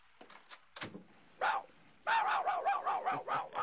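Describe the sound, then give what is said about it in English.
A small dog yaps a few times, then breaks into a rapid, excited run of loud, high-pitched barks, with no one talking. “Now, what do you want, little dog? You want me to follow you?”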